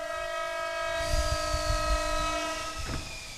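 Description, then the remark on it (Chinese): A train horn blares steadily as the train rumbles past, its heavy wheels thudding beneath; near the end the horn's pitch bends as the train moves past. “父母偶尔来看我，坐火车，我跟着爷爷在月台上接他们。”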